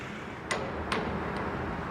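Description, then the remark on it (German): Three sharp metallic taps of a hammer, used during a special inspection to find possible hollow spots by ear, spaced about half a second apart; the first two ring out clearly and the third is fainter, over a steady background hiss. “Der Hammer ist immer noch das wichtigste Prüfinstrument.”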